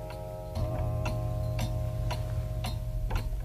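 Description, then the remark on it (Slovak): A just-repaired clock ticks steadily, roughly twice a second, its sharp regular clicks standing out over a low, constant background hum. No one speaks. “Už sú hodiny v poriadku, prosím.”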